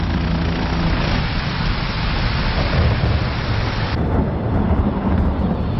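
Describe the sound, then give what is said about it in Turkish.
Steady heavy rain during a cold storm on Mont Blanc, where climbers are camped, with deep low rumbling of thunder rolling underneath throughout; loud and continuous, no voices. “Yarın fırtına bitince ineceğiz.”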